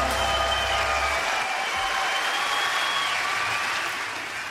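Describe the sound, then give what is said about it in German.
A crowd applauds steadily, a dense wash of many hands clapping, holding strong throughout and easing off slightly near the end, with no one speaking. “Applaus für Willi Resetaritz,”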